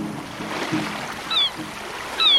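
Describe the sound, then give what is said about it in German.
A steady rushing wash of surf with two shrill, high seagull cries cutting through, one midway and another near the end, no voices present. “Ach, Wellen, Rauschen und Möwen sind für mich einfach der schönste Wecker.”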